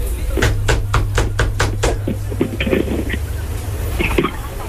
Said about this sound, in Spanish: ¿Quién toca la puerta?